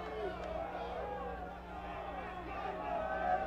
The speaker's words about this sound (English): And the crowd is really getting into it, especially right behind the Isotopes dugout.